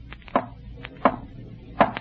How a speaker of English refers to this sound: Did you not tell him to rap 3 times? That's how Richard always used to knock.